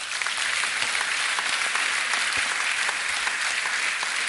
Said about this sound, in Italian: Il primo, e vi chiedo di salutarlo con un applauso, è Christopher Caldwell.